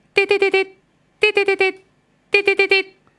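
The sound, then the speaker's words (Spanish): A man imitates an old alarm clock: three quick bursts of four sharp, high-pitched "beep" syllables each, evenly spaced with short pauses between groups, fairly loud and alone. “Antes ya no existe más el pip, pip, pip, pip, pip, pip, pip. ¿Te acordás los despertadores de antes?”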